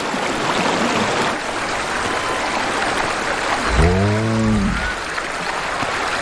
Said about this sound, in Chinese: 融水让丁盖下方的河流水位上涨。